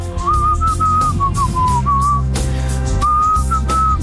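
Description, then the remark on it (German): A person whistles a catchy pop tune, the clear high notes rising and falling in a steady melody over a full backing track, loud throughout. “Heute war es Gepfeife.”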